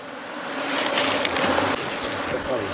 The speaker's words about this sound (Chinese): 蜂窝排列有序，密密麻麻的蜜蜂附着在橙黄的蜂巢表面，似乎在护卫它们的家园。